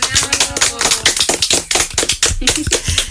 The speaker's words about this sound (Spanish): A todas las mami les vamos a dar un aplauso.